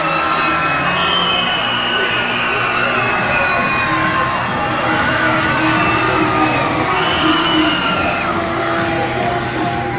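A large crowd at a baseball game on a Saturday night cheers and shouts steadily, a dense, loud roar of voices with scattered whoops and yells rising above it and no pauses.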